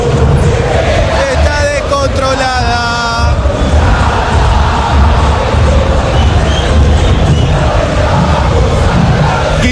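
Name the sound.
football stadium crowd chanting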